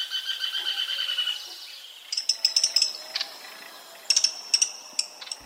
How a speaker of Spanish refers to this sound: Estamos oyendo al rastrojero o chamicero pizarra en una grabación captada en Valle del Cauca. Este pajarito, que mide unos 15 centímetros, se alimenta de insectos y arañas y le encanta vivir entre los rastrojos.